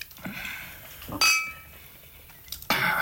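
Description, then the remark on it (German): Two bright glass clinks ring out about a second and a half apart, each with a short shimmering tail, as wine glasses are touched together in a toast, with faint background rustle between them. “Willst du noch ein Gläschen Wein?”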